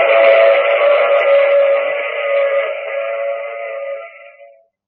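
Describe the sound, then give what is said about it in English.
A train sounds a long, steady whistle-like tone, loud, holding for several seconds before fading away; no one speaks. “I take this same train every week at this same time.”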